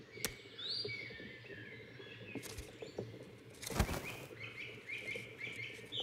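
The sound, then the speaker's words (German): A great spotted woodpecker pecks rows of holes into tree bark, pecking into the tree's sap-conducting vessels, with a few sharp, irregular taps, while small birds chirp and twitter in the background of a quiet outdoor setting. “Der Buntspecht hackt reihenweise Löcher in die Rinde und pickt die Leitungsbahnen an, damit der Baumsaft herausquillt.”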